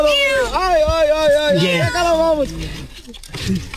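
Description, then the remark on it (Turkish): A kitten trapped inside a water pipe in Rize meows repeatedly in rising and falling cries, sounding hollow and slightly echoey, with faint background noise. “Rize'de yavru kedi su borusuna sıkıştı.”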